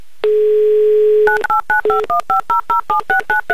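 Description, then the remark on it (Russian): A steady dial tone hums for about a second, then a quick run of around eleven dual-pitched keypad beeps as a phone number in Rostov-on-Don is punched in, loud with no voices. “Набран номер телефона Виталия в Ростов-на-Дону, звоним”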